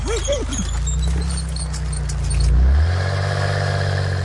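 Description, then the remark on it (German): A toy racing car, Kali, drives very slowly while lighting up the street; its motor hums low and steady, fairly loud, with a brief rattle at the start and a shift in engine pitch partway through. “Kali fährt ganz langsam und leuchtet die Straße ab.”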